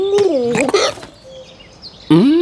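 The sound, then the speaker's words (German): A voice imitates a hiccuping dove: abrupt, throaty coos with sharp hiccup-like catches, fairly loud, in three bursts separated by a quieter pause. “Aus dem Biegel wird eine hixende Taube.”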